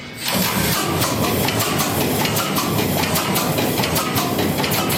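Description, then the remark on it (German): A big ship's engine bursts into life on compressed air from an air bottle just after the start, then runs loud with a steady, rhythmic chugging and a constant hiss; the ship is in Brunsbüttel. No one speaks. “haben Kühlwasser offen, haben den Öl vorgepumpt, machen jetzt die Druckluftflasche auf und hoffen, dass wir noch genug Druck haben, um den Motor anzuwerfen.”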